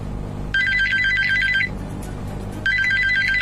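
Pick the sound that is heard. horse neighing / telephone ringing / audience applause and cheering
telephone ringing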